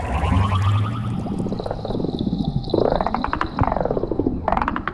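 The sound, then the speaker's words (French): Rapid trains of seahorse clicks, sounding like a distress call, blur into warbling, whale-like calls that sweep up and down in pitch, repeating in several bursts over a low watery rumble, with no voices. “J'ai l'impression que le clic-clic de cet hippocampe a changé.”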